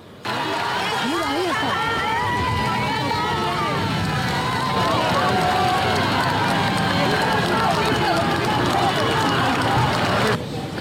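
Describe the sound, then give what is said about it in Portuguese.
A large crowd of several hundred people shouts and cheers continuously for about ten seconds as Pope Leo XIV arrives in a closed car, many voices overlapping into a loud roar, with a dense clatter of clapping running underneath. “Quando o Leão XIV chegou, mesmo não sendo muito visível, porque ele vinha num carro fechado, foi recebido com gritos e aplausos.”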